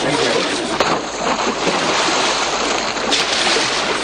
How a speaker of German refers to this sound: Um Gottes Willen, das Kind ist ins Wasser gefallen. Halt, Hilfe! Hilfe, rette das Kind!